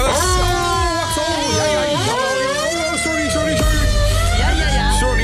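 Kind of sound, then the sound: signal or alarm, alarm siren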